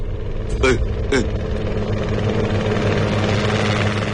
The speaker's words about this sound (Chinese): 驾驶员赶紧点头，农用飞机立刻降低了高度，在山谷中穿行。